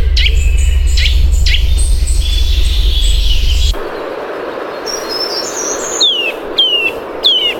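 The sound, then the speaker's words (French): A bird sings a series of clear, repeated whistled phrases and short descending notes over a steady low rumble of outdoor background noise. “Eh bien, on écoute tout de suite son chant.”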